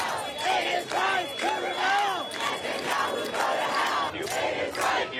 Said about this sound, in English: Not far from the UN headquarters, crowds voiced their outrage at Benjamin Netanyahu, leading to around 100 arrests.